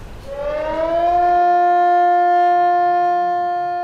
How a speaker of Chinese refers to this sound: 上午10点30分，防空警报准时拉响，按照预先、空袭、解除、灾情四类信号依次鸣放，时长12分钟，至10点42分结束。